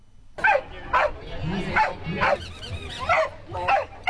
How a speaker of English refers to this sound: The mightiest voice barking contest. Oh, right. Okay. I'm glad you clarified what that was. Pretty serious competition, although it's supposed to be all fun.